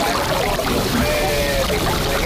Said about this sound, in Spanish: Estáis escuchando cómo suena el mar contra el espigón del puerto de Bayona, esa localidad turística de las Rías Baixas cercana a la ciudad de Vigo.